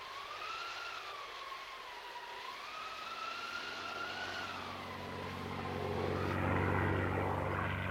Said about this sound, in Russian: Американский самолет. Держу пари, 1000 против одного, что американский. Это с Франклина его послали. А я вот уверен, что это с Мирного.